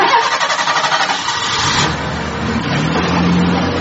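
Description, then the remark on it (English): A van engine cranks with a fast, rhythmic stutter for a couple of seconds, then catches and settles into a steady, rumbling idle with a low droning hum. No one speaks. “He decided to take this stolen booty and load it into a van. And then drive it back home.”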